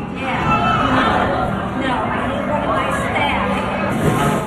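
A crowd of onlookers at an aquarium in Sarasota, Florida, cheers as two staff members wrangle an escaped Atlantic stingray back into its tank. It is an excited, overlapping hubbub of voices, a steady wash of chatter and exclamations that stays fairly loud throughout, without any single voice standing out.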